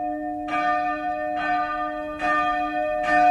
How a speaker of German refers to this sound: Das Glockengeläute, das hat einen bestimmten Ton gehabt. Die kleinste, die zweitkleinste, bis zur grossen Glocke. Und je nachdem, was für ein Fest war, hast du das Glockengeläute, das hast du im Ohr.